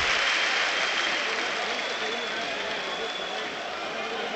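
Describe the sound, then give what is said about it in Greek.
A basketball crowd at a Panathinaikos game applauds steadily, a dense wash of many hands clapping blended with general crowd noise, holding at an even, fairly loud level throughout with no distinct voices. “Χειροκροτεί ο κόσμος.”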